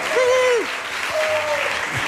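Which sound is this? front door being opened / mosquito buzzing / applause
applause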